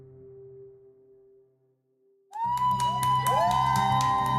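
A low steady hum fades, then a crowd of supporters suddenly erupts into loud cheering and whooping with rising shouts as they get news of their candidate's win, sustained for the final two seconds.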